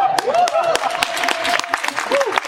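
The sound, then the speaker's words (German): Audience applause, a dense wash of many hands clapping at a steady moderate level, with a few sharper individual claps poking through and faint whistles or cheers mixed in. “Der Applaus kommt an der richtigen Stelle.”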